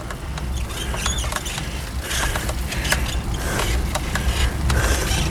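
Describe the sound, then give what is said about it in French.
A bicycle's mechanism creaks and squeaks while riding, with irregular clicks and short high squeals repeating over a steady low rumble of rolling, fairly loud, with no voices. “Ouais, ça grince un peu, ça commence à mal.”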